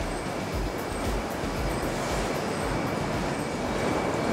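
Loud, steady industrial roar of carrot-washing machinery in a production hall where harvested carrots are washed, with water running over them as they rub together. A dense wash of noise with a rumbling, faintly pulsing low end and no voices.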